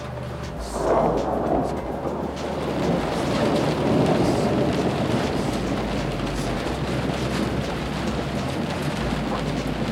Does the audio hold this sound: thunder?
yes